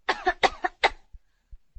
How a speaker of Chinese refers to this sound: 深呼吸，陛下。陛下能不能咳嗽一声？